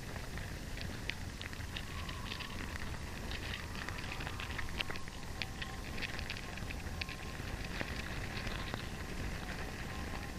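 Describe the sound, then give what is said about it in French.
A dense, steady crackling and pattering, like countless tiny scratches and ticks, with faint brief tones, picked up through a contact microphone placed in an entrance of a huge anthill: hundreds of ant legs and antennae, leaves, and abdomens touching the microphone. No voices. “Les bruits que vous entendez sont les centaines de pattes, d'antennes, de feuilles.”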